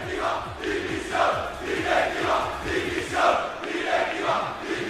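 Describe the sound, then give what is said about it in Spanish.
A large crowd outside a stadium chanting together in a steady, rhythmic swell, voices rising and falling in repeated waves with a dense roar underneath and no single speaker standing out. “Cientos, me atrevería a decir miles de personas se han quedado en la puerta del palco.”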